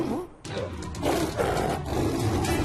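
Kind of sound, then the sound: animal, lion roaring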